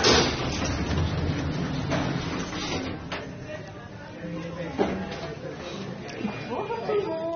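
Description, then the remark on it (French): Elevator doors slide open at the first floor with a soft mechanical rumble and a couple of light thuds, while people chatter throughout. “Ouverture des portes.”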